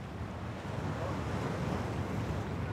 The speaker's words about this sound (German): Jetzt, bei dem Wind und den Wellen, kann das Anlegen im Hafen knifflig werden.